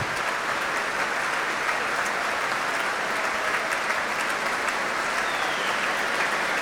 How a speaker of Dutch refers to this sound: En Klaus Mäkelä is weer terug op het podium. Een applaus nu voor de hornisten.